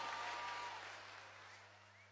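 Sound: applause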